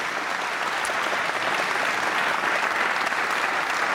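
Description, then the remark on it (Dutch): Sustained audience applause at a concert for a pianist, a dense, steady wash of many hands clapping at an even loudness throughout, with no voices standing out. “Dames en heren, mag ik een groot applaus voor ….”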